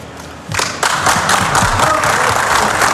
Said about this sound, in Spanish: Se rompe Scaloni, aplausos de los presentes en la sala de prensa del estadio.